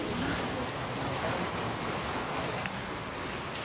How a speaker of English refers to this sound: It's started to rain now, which means it will be another challenging day of rescues for emergency teams.